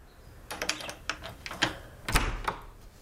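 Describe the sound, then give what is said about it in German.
A door is unlocked and opened: a quick run of sharp metallic clicks and rattles, then a louder clunk as the latch releases, with no voices. “Mach die Tür auf.”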